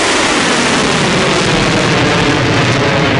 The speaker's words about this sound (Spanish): ha reivindicado esta madrugada haber lanzado primero drones y misiles contra la sede de la quinta flota de la Armada de Estados Unidos en Bahrein y también contra una base de helicópteros de Estados Unidos en Kuwait. Estos ataques han sonado así.